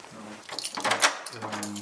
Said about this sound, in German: Schließen die Tür.